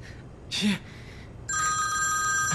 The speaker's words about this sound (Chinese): 西爷， 你的电话， 你的电话，你接电话呀！哎，是郝市长，郝市长打给我了。